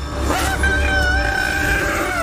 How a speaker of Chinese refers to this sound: 大象愤怒的长啸将游客吸引了过来。 它还是一头小象。